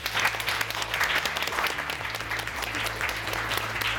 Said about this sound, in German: aber vor allem danken wir den ganzen Kindern, die heute so toll hier mitgemacht haben. Lieben Dank, jetzt klatscht einmal für euch selbst.